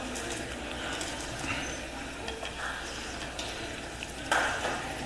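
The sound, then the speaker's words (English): A few faint, scattered hand claps at a council session, sparse and irregular, over a steady hiss, with one slightly sharper clap near the end. No one speaks. “I think somebody wanted to clap.”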